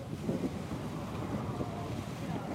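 Rough, choppy sea in the Vavu atoll with strong currents, heard from aboard a boat, with gusty wind buffeting the microphone and a continuous low rumble of waves slapping, steady and fairly loud throughout.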